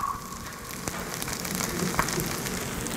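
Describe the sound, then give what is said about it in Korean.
Food sizzles steadily on a hot pan, a dense hissing crackle with tiny pops scattered throughout, holding a fairly even level for the whole stretch with no voices. “이렇게 지글지글 거리는 소리.”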